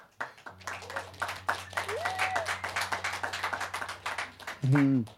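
A canned burst of applause, played by pressing the clap button on a little sound box during a live show on 3D Radio: dense rapid clapping over a low steady hum, with a short whistle-like tone partway through and a loud tonal blip at the end.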